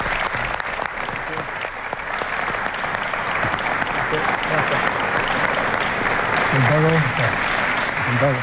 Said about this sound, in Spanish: Así que voy a invitar a Luis de la Fuente, seleccionador nacional, para que esté aquí con nosotros, y pido para él, por supuesto, un fuerte aplauso.